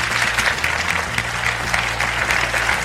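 Steady audience applause, a dense wash of many hands clapping at an even, sustained level for a few seconds with no voices standing out.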